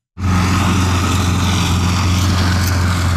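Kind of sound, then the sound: machine, motorized lawn mower running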